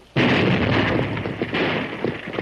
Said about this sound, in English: Blasting powder, Marshal. You! Explosion blasted the dam between this water gap and Dry Gulch.